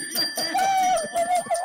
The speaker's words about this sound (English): I got some chimes.